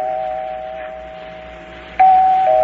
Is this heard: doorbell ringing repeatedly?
yes